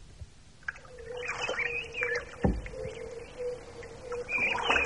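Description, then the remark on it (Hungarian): Several birds chirp and trill in a reedy lakeside marsh, their calls coming in scattered bursts over a quiet background, with a steady low droning tone running underneath and a soft thud partway through. “Milyen szép itt. Hányféle szín és hang. Nézd azt a madarat azon a nátszálon.”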